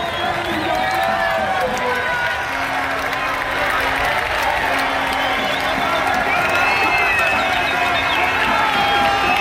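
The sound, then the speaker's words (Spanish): A dense, steady roar of a crowd in Don Benito cheering Pedro Porro's football goal, as broadcast on Cadena SER's Carrusel Deportivo, loud throughout with overlapping shouts and whistles, and a sustained low horn-like tone sounding in stretches beneath the noise. “Así ha sonado en la SER el gol de Pedro Porro Eterno en su casa en Don Benito.”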